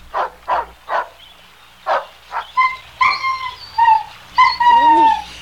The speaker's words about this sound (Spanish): Ah, ese perro ladino. Ahorita nos alcanza. Nomás termina de andar enamorado y se viene para acá. Ahí está, ¿ves?